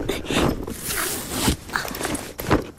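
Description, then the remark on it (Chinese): A double-shoulder backpack zipper is pulled open in short, scratchy bursts, followed by rustling and handling of the bag's contents, scissors, an umbrella and a pair of travel shoes, with faint voices in the background. “把背包快给我吧。”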